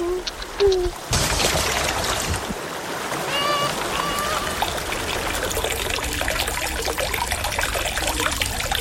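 Water trickles and burbles steadily after a quiet first second, a close, continuous babbling flow with faint higher chirps woven through it.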